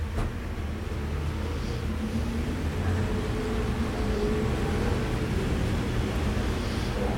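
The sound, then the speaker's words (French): Steady, dense street traffic on boulevard Saint-Germain with a deep engine rumble, as a Solvay truck and taxis roll past. The noise stays loud and continuous throughout, with no voices. “Passe un camion Solvay.”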